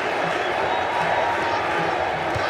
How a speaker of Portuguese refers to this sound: E a torcida chama o Hendrick na arquibancada do Lincoln Financial Field.